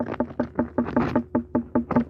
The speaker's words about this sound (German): Und so hört jetzt eine unreife Melone an.